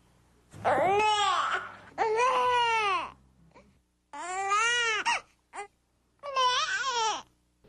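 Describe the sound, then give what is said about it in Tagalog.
A hungry infant cries in short, rising-and-falling wails with a nasal "neh" quality, four distinct bursts separated by brief pauses, fairly loud, with no talking. “Kapag narinig niyo na yung ne ni baby, ibig sabihin ay nagugutom na siya.”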